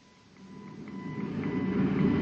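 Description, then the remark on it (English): A stimutron treatment machine, hooked up for a treatment, hums with a low rumble that swells steadily louder, while a thin steady tone and a quick, regular series of electronic beeps pulse over it. No one speaks. “I got to hook up the stimutron and take a treatment.”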